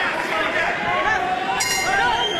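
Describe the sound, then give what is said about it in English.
A boxing bell rings at the end of a round in a boxing match, over a steady roar of crowd noise, its bright metallic clang starting partway through and sustaining to the end amid the din. “Nice jab at the end of the round, virtually on the sound of the bell”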